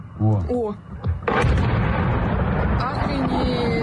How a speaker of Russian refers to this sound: Курортный сезон в Крыму стартовал на фоне масштабных атак ВСУ по объектам инфраструктуры. С начала июня жители аннексированного России полуострова каждую ночь слышат стрельбу и взрывы.